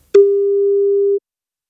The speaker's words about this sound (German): wenn bei euch das Handy oder Festnetz klingelt